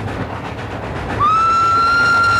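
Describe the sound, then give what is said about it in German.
A train rumbles steadily along the rails with a faint rhythmic clatter, then a loud, sustained whistle starts halfway through and holds to the end, prominent. “Die Eisenbahn ist immer noch das sicherste Verkehrsmittel,”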